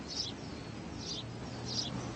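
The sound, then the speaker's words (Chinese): Sparrows chirp on the branches of a tree in blossom in April, three times in short, high bursts spaced roughly a second apart, fairly soft and set against a steady low background rumble. “麻雀在枝头鸣叫。”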